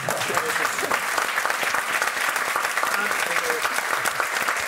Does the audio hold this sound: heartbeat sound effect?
no